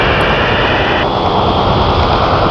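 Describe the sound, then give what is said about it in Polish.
A loud, steady encrypted NATO modem transmission over shortwave radio: a dense, continuous digital hiss and buzz with faint sustained tones, filling the whole moment without pause and with no voices. “NATO-owska transmisja i jakiś modem szyfrowany.”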